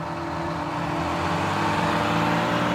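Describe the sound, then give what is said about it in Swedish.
A bus engine rumbles steadily, a deep droning hum with a slight rising strain, continuous throughout with no talking. “Vi går in i bussen.”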